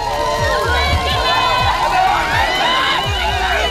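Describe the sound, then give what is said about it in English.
A large crowd in Nottingham cheers the Duke and Duchess of Sussex at their first joint engagement since returning to the UK, shouting continuously, many excited voices overlapping into a loud roar with high calls rising above the din. “The Duke and Duchess of Sussex have been cheered at their first joint engagement since returning to the UK.”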